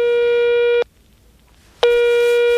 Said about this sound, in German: Da nehme ich meinen X-Funker zur Hand und wähle ihre Handynummer.